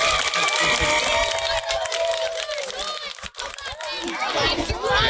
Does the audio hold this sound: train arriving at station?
no